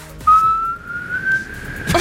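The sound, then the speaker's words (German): A woman whistles one long, clear note from a simple children's song melody, gliding slowly upward in pitch for well over a second before it breaks off, with no talking. “Und sie würde pfeifen.”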